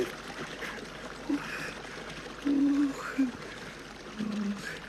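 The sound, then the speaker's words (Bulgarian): Rushing river water pours past in a steady, churning wash, broken by a few brief low tonal moans rising above the flow. “Сякаш се укроти реката.”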